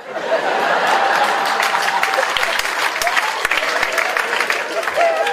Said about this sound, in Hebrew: כפיים, כפיים.